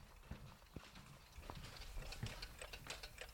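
Around 100 clocks of all kinds, including table clocks, Mora clocks, floor clocks, wristwatches and pocket watches, tick at once in an apartment, their overlapping clicks forming a dense, uneven patter with no single steady beat. The ticking is fairly quiet, with no voices.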